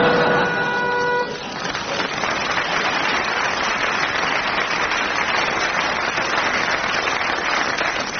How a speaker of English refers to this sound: That round goes to Barry and Graham for more intelligent use of the buzzer.